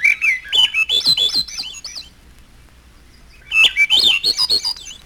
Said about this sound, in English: The final section, Misterioso, contains only thrushes. Olive-backed thrush.